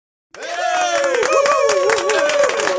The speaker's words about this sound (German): Dieser Applaus ist für alle, die ich sonst noch dran hatte am Telefon und bei WhatsApp.